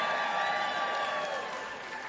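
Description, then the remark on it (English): An audience claps in a dense, steady wash of applause in response to a question asking whether any teachers or librarians are present. It is fairly loud and sustained for a couple of seconds before tapering slightly, with no talking over it. “They could have clapped for no reason, but.”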